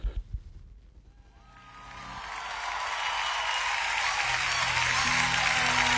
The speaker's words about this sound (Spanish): Apláudele fuerte a Jesús, vamos. Vamos a adorarlo con todo nuestro ser.